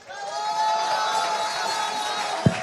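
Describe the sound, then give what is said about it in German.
An audience at the Vidal-Hotel cheers and applauds steadily for a few seconds, welcoming the head of the hotel, a dense wash of clapping with high sustained whoops and shouts riding on top, ending with a short low thump. “Und jetzt, meine Damen und Herren, einen kräftigen Applaus für die Chefin des Hauses.”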